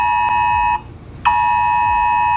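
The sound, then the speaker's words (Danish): A loud, harsh electronic alert tone from a phone during a siren test blares steadily, briefly cutting out for half a second before resuming at full volume. No one speaks. “Eller også så kan du høre sirenetesten på din telefon, eller har lige hørt den her lyd.”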